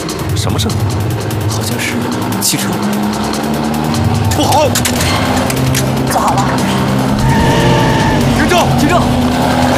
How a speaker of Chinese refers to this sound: 好像是汽车。